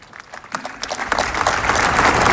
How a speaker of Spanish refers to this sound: Vuelve a levantar los aplausos por toda la plaza, que permanece atenta a las Hermanas, últimas palabras y hermanos del discurso.